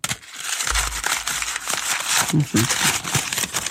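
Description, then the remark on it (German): Continuous crinkling and crunching of the first crumpled paper ball being squeezed and turned in the hands, with a brief murmur of voice partway through. “der erste Papierball.”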